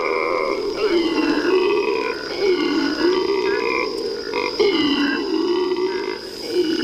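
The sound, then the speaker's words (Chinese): Howler monkeys in the Iberá wetlands roar in the early morning to tell other troops their position: a deep, guttural chorus rising and falling in long overlapping waves, loud and unbroken for the whole stretch, with no talking. “每天清晨，吼猴都会用叫声向其他猴群告知自己的位置。”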